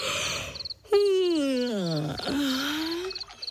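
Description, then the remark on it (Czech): A loud, drawn-out groaning yawn, voiced by a person as a young hippo, slides downward in pitch for about two seconds and then trails off. Faint, rhythmic chirps tick along in the background. “Pomyslel si hroch a hlasitě zívnul.”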